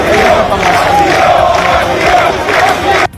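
About 200 Moroccans on Trampolín beach, holding Spanish flags, shout "asilo" (asylum) together in loud, rhythmic bursts, many voices rising and falling as one steady chant that cuts off abruptly at the end.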